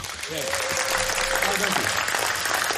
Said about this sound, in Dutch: Applaus!